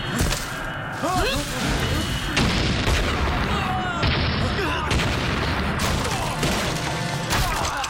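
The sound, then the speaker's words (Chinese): A loud, chaotic barrage of explosions, several heavy booms bursting one after another over a dense, continuous rumble of debris and gunfire-like cracks, with voices buried in the din. “怎么回事？ 爆炸了！”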